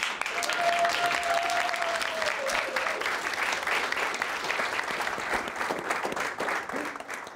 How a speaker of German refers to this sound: Einen großen Applaus!